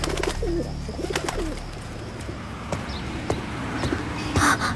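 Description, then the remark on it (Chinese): Pigeons being fed by a child coo low and throaty, a few rolling calls early on, mixed with sharp flutters and taps against a steady outdoor background hum, in a courtyard about 800 meters from Tiananmen. No one speaks. “原来是小孩在喂鸽子， 真乖。”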